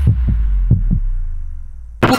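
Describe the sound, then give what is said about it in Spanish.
Two deep lub-dub heartbeats thump as a sound effect in the station identification of La Radio del Sur, then a low hum lingers before a sudden burst of bright, noisy sound cuts in at the end. “La Radio del Sur, escuchando los latidos de la patria grande.”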